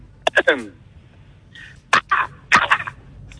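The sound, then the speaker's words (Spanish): A person imitates a crow call with three harsh, raspy caw-like bursts, each a quick cluster of notes, voiced fairly loud with short pauses between. “Eso es como un cuervo híbrido de gorrión, más o menos.”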